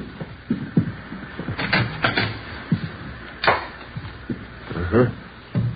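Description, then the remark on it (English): A bedroom door in a house opens with a series of handle clicks, light knocks and creaks spread over several seconds, moderately loud, with muffled background noise around it. “Yeah, bedroom's over here, through this door.”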